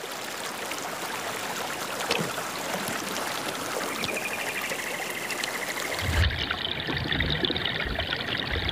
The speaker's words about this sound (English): Peccaries use the water to regulate their body temperature with a refreshing dip.